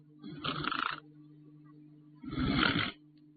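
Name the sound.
voice imitating snoring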